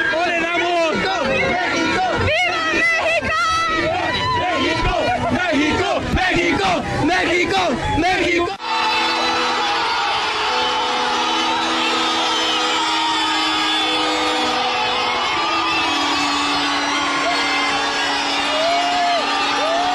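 A huge crowd of more than 400,000 people chants "¡México!" loudly in unison in torrential rain, cheering the Mexico national football team players. The sound then shifts into a massive sustained roar of cheering, with long horn-like tones ringing through the dense, continuous noise.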